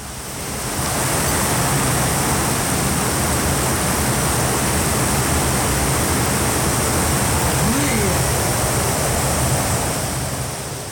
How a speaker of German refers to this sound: Starker Regen auf der Halbinsel Barra.